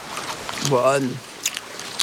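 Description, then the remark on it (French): A koala chewing a eucalyptus leaf it has carefully picked and sniffed, biting off a piece: a few crisp, scattered crunching clicks, fairly quiet, with a brief voiced, throaty sound partway through. “Il cueille avec soin une feuille d'eucalyptus, la renifle, puis en croque un morceau.”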